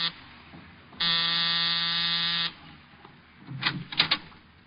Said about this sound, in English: A half hour after I left George Victor, I was punching the buzzer to Saxon's apartment.